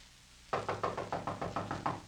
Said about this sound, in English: He'll go to the door and knock on it. When someone answers the door, we'll rush him, overpower him.